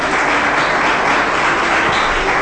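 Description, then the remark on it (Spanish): An audience claps loudly for Jesus Christ in a dense, steady wash of applause, loud and continuous throughout with no talking over it. “Denle fuerte ese aplauso a Jesucristo.”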